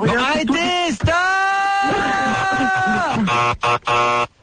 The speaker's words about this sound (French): Stop, je vais t'appuyer sur le buzzer comme un fou furieux.